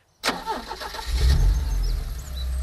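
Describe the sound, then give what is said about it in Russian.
A car engine cranks and catches after a moment of silence, then settles into a loud, steady low rumble as the car moves off on a detour around the Staritsa. “Анна Егоровна тронула машину в объезд Старицы.”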